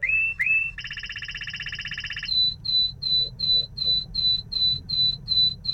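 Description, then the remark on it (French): A canary sings a clear phrase: two quick rising introductory notes, a buzzy rapid rattle lasting over a second, then about a dozen evenly spaced high whistles over a low background rumble. “Il y a quelques notes d'introduction, puis ce son de crécelle, et puis après ce sifflet.”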